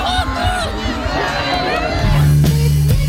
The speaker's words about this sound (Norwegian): Det var fest på Rådhusplassen i Narvik i dag, med tusener av frammøtte og jubel for den nye kongen.